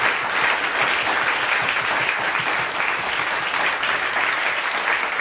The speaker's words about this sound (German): Einen Applaus für unsere Kollegen von der Technik, bitte.